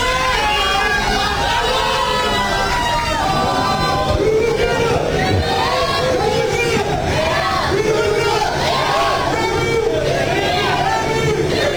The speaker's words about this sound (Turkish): Kafileyi otel girişinde Türk taraftarlar bayraklar ve tezahüratlarla destekledi.